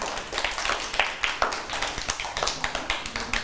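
A group of children clapping together in a room, a steady stream of overlapping hand claps lasting a few seconds at moderate volume, with no talking.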